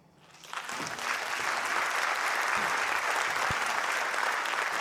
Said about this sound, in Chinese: 谢谢，感恩大家热情的掌声